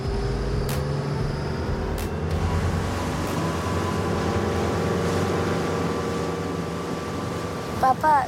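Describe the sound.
A fishing boat's motor drones steadily on the sea for the whole stretch as a father takes his son for a short ride, a low continuous rumble with water and wind noise, and a brief voice breaks in near the end.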